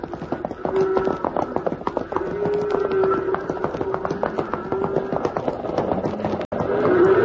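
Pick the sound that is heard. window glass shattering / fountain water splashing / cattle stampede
cattle stampede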